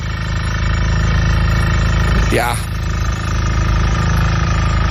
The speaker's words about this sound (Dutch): En in jouw geval ook veel boren, want dit geluid klonk heel erg vanuit jouw vakantiebalkon.